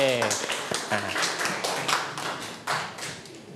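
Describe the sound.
A short spoken voice gives way to a group of children in an English lesson clapping their hands for a classmate, an uneven, scattered patter of sharp claps that continues steadily for a few seconds.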